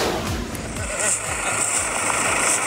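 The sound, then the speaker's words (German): A tractor engine rumbles steadily, its low drone holding a constant pitch as the tractor rolls onto a field in Dittelstedt to harvest Hokkaido pumpkins, with a faint high whine layered over the noise. “Das ist das Geräusch, wenn der Traktor aufs Feld rollt, um die Kürbisse vom Feld zu holen.”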